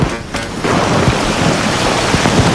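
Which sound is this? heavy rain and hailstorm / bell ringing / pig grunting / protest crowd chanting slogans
heavy rain and hailstorm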